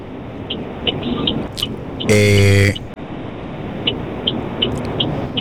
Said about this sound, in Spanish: Oye, vamos con una llamada, pero antes, déjame escuchar este ruido, a ver. Ok, el que está en un auto. Iba a doblar. Tipo camión, tiene la señal puesta.